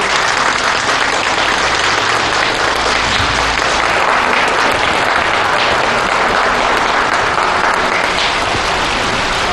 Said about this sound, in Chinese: 掌声有请。